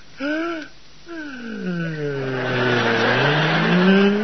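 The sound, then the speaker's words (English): A car engine sputters and whines as it is turned off on arriving home, short rising tones at first, then a rough, wavering drone that grows louder and noisier over a few seconds. No talking. “Now, hang on, everybody. I'm going to turn off the engine.”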